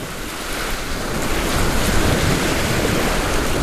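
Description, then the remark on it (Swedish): Steady wash of waves lapping around a sailboat at sea, just anchored after its maiden voyage, its first time out on the sea, with gusty wind buffeting the microphone; a continuous, fairly loud rushing texture with no voices. “Nu sitter vi i båten och har precis ankrat efter jungfrufärden. Det här är första gången båten är ut på havet.”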